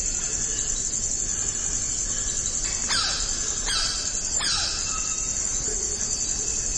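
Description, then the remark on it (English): A black-necked red cotinga gives three sharp, descending squealing cries in quick succession, ringing out over a steady, high-pitched drone of insects in a forest. “There's the saucy cry of the black-necked red catinga.”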